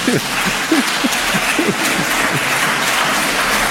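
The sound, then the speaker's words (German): An audience claps for themselves steadily for several seconds, a dense, even wash of applause, with a few murmuring voices and light laughter mixed in near the start. “Macht mal euch selber einen Applaus.”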